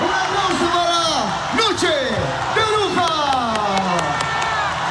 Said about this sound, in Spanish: Gente aplaude, algunos están diciendo las bailarinas, las voces, los músicos. Todos, por supuesto.